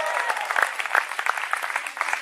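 An audience gives a loud round of applause to Christ, applauding steadily, a dense wash of many hands clapping at moderate loudness, sustained for a couple of seconds with no voices standing out.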